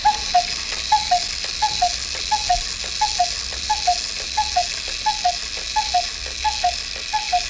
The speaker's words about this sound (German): So klingt die Kuckucksuhr.